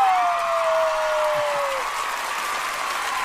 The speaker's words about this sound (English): Studio crowd!